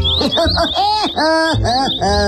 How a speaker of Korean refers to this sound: 에이 이런, 이번엔 또 지나가는 새들의 말이 들리네.